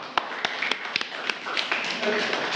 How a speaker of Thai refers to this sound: ปรบมือให้กับกลุ่มที่สองด้วยค่ะ